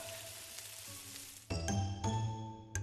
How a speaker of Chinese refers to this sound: 炸羊尾并非真羊尾，猪板油汆水锁住肥嫩，少量盐和足够的糖调味，最后裹蛋浆下锅油炸。